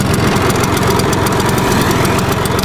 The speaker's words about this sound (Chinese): 每次在街上听到尾翼牌的引擎声，就会想起阿公。